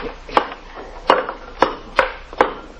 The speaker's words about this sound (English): Whatever it is, it's behind these bricks, Sarge. Here, take this crowbar and knock that wall down.